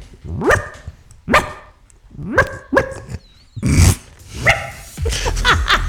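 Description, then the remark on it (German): A person on the radio imitates a small yapping dog, giving about seven sharp, high barks in an uneven rhythm, loud, with no other talking. “Oh Gott, dass das mal vorkommt, dass ich im Radio einen Hund nachmache.”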